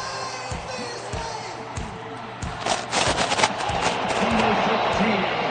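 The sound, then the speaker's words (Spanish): A large stadium crowd roars and applauds as Messi is presented with the Argentina team, the noise swelling louder after a few seconds, with repeated heavy booming thuds pounding through the din in an uneven beat. “La gente aplaude a De Paul.”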